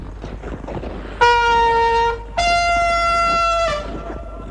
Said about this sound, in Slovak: Nože zatrúb ešte raz